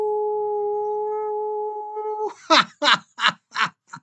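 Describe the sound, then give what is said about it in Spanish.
A radio host's voice imitates a howl sent to listeners, with a long, steady, sustained tone lasting about two seconds, followed by four short, rhythmic, breathy bursts of vocal sound. “Así es que sin más ni más, quiero que sepan que les envío un gran mega super energético aullido.”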